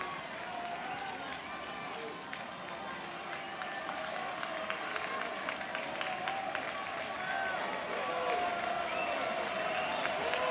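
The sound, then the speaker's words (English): A baseball crowd at a West Virginia–Kentucky game cheers in a dense, steady roar, with scattered clapping and a few shrill whistles cutting through, swelling slightly louder partway through and holding there, as a Kentucky pitch goes way outside with the bases loaded. “And this crowd goes bananas every time Kentucky misses the mark.”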